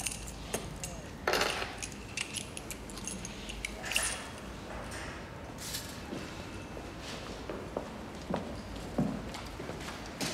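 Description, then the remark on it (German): Keys jangle and clink in several short bursts as they are handed over, with brief metallic rattles scattered over about ten seconds against a low, steady background hum. “Die Schlüssel, Aufzug ist rechts hinten.”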